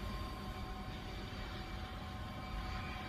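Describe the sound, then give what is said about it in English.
A steady, continuous drone fills the cabin of Air Force One, the presidential airplane, parked as President Lyndon Baines Johnson is about to take the oath of office at 2:40 p.m.: a dense low rumble with a faint high whine held over it, unchanging in level throughout, with no voices. “President Lyndon Baines Johnson is about to take the oath of office here on Air Force One, the presidential airplane.”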